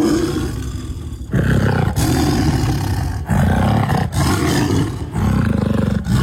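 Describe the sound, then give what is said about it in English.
A tiger at Ballarat Wildlife Park roars loudly in a run of deep, rumbling bursts separated by brief pauses, with no voices present. “Listen to that tiger.”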